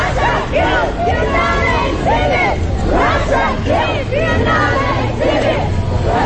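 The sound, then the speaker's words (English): A group of women activists dressed in black with bright pink balaclavas shouts together in protest at the Russian pavilion of the Biennale art event, punching the air; loud, overlapping bursts, raised voices rising and falling in rough rhythmic chants over a constant low rumble. “The women start punching the air and shouting in protest at Russia's return to one of the biggest art events in the world.”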